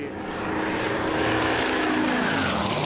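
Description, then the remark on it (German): A steady, loud buzzing of spinning propellers from a drone flying over a race track, with a whining engine-like hum that rises slightly in pitch and holds for a few seconds. “Bitte die Drohne entfernen. Drohnen dürfen nicht auf der Strecke sein.”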